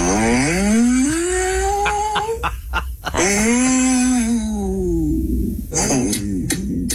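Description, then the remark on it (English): A synthetic ChatGPT AI voice, asked to sound like a ghost for a haunted house, imitates a ghost with long, wavering moans that swoop up and down in pitch, two drawn-out wails broken by short breathy catches, ending in a softer, airy sigh. “Can you just make like the sound of a ghost for me?”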